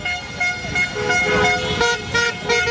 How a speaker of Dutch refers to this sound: De eerste toeters klonken bij het tweede doelpunt van Marokko.